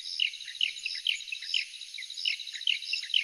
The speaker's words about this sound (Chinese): 再来听听乌头翁的声音